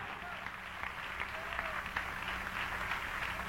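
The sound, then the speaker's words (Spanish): An audience applauds in praise to the Lord, steadily, a dense wash of many hands clapping at once, sustained and fairly loud, with faint voices mixed into the crowd noise. “Dale un aplauso de alabanza al Señor.”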